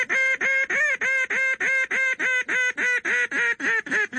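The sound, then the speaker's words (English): A highball duck call blown on a game call: a loud, fast run of about seventeen harsh, nasal quacks, evenly paced and holding steady in pitch, with no talking. “If you were in a blind and you saw some ducks and they were a fairly good distance away, say, you know, 400 or 500 yards away, you would use a long, loud, screaming call, which is usually called a highball.”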